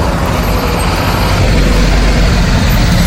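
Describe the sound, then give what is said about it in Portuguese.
A city bus arrives at a bus stop in front of the Plano Piloto bus station in Brasília, rumbling with a loud, steady low engine drone, its idling motor dominating over a constant wash of street traffic noise, with no voices. “E olha só, depois de 45 minutos aguardando, o ônibus chegou.”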